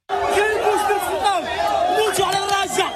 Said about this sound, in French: Les cris des migrants à leur arrivée dans l'enclave de Ceuta. Ils ont été près de 40 000 à traverser illégalement cette frontière au cours des derniers jours, selon des sources policières.